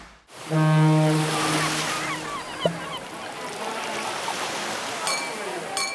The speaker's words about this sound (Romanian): Valurile spărgându-se de țărm, terasele pline de oameni.